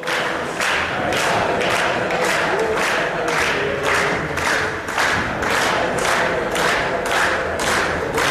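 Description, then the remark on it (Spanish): A large crowd, with city councillors at the front, chants the 'Dale Depor' football cheer for Deportivo in steady unison, loud rhythmic shouts repeating about twice a second with thumping beats underneath, sustained without pause throughout. “El grito de dale Depor, con los concejales sí, también al frente.”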